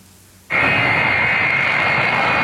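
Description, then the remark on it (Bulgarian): A loud, steady roar of the jet engines of a Russian Il-76 transport plane of the Ministry of Emergency Situations, passing through Bulgarian airspace late at night, cuts in abruptly after a brief quiet moment and holds at full strength with a high whining tone, with no one talking. “Късно снощи руският самолет Ил-76 на Министерството на извънредните работи премина през въздушното пространство на България.”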